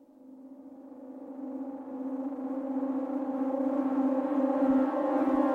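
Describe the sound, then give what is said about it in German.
An alarm siren wails steadily with a rising, sustained harmonic tone that grows gradually louder and stays strong throughout, with no voices present. “Als das abwärts fahrende Aufzuggeräusch verstummt, gehen die schon einmal gehörten Sirenentöne los.”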